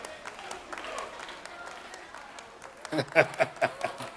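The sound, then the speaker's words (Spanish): A Pentecostal audience claps together, first as a steady wash of crowd noise, then about six loud, sharp claps in a quick, even rhythm near the end, over a faint murmur of voices. “Esos que están aplaudiendo así son pentecostales, de verdad.”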